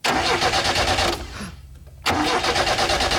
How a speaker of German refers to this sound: es war Gott sei Dank nicht mein Auto, sondern nur ein Auto, das da gerade nicht angesprungen ist.